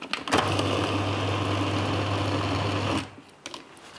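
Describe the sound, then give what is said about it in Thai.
A motorized blender whirs loudly and steadily for about three seconds with a strong low hum while briefly blending boneless, skinless fish meat for fish balls, then cuts off, leaving quiet clicks and faint handling sounds. “ลูกชิ้นปลาอินทรีนะคะเราก็ต้องแน่นอนใช้เนื้อปลาอินทรีค่ะเอาแต่เนื้อไม่เอาหนังไม่เอาก้างนะคะแล้วก็เอามาใส่ไว้ในเครื่องปั่นค่ะถ้าไม่ใช้ปลาอินทรีก็ยังมีปลาอีกหลายชนิดเลือกใช้ได้นะคุณผู้ชมเช่นปลาน้ำดอกไม้อย่างนี้ค่ะปั่นก่อนสักเล็กน้อย”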